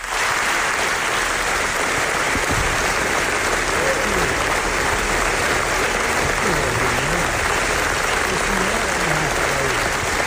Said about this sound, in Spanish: Que debe de ser impresionante, porque fijaos el aplauso que recibieron los directores en la presentación del documental.